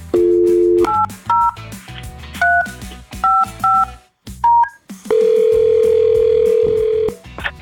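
A dial tone, then six quick touch-tone beeps at an uneven pace, followed by a long steady tone. No one speaks, and the tones sit loud and clear over a low background bed.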